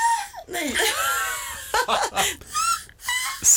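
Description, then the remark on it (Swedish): A voice imitates a black-headed gull, giving a series of harsh, high, screechy squawks with rising and falling pitch, some sounding almost like strained laughter, in short uneven bursts. “Skrattmås. Alltså det finns förbättringspotential på den där.”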